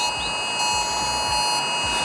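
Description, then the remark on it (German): A loud, harsh electronic emergency alert tone from a mobile phone blares continuously, a steady buzzing wail with layered high-pitched pulsing overtones and no speech. It is the kind of alert phones sound at 11 a.m. on Germany's nationwide warning day. “An einem Donnerstag, an dem viele im Freistaat wieder erschrecken werden, inklusive mir, wenn am Vormittag um 11 ein Geräusch wie das hier aus unserem Handy kommt.”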